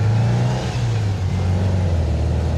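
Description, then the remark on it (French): A vintage VW Beetle engine runs loud and throaty, a deep steady drone whose pitch wavers slightly as it revs, with no voices over it. The engine tins and sound insulation have been removed. “C'est vachement bruyant parce qu'il y a toutes les tôles moteurs, tout ça, tout a été viré.”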